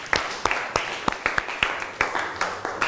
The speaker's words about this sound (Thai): คุณครูก็ต้องขอขอบคุณสื่อวิทัศน์ที่ใช้ในการศึกษาในวันนี้ขอเสียงปรบมือให้กับสื่อวิทัศน์หน่อยค่ะ